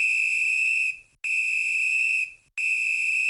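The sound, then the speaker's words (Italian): A traffic officer's police whistle blown three times in quick succession in a park, each blast a loud, shrill, steady tone lasting about a second, with short gaps between and no voices. “Come mai hai fischiato 3 volte?”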